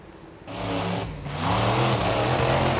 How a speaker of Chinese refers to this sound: 网传视频显示，事发时一辆参加表演的怪兽卡车在通过地面障碍时突然失控，轰鸣着向其右侧的观众群奔去。